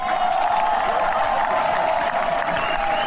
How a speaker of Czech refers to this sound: Když se u jezera v parku Boženy Němcové objevil vítězný karvinský tým i s pohárem, tak se celým areálem rozezněl hlasitý potlesk.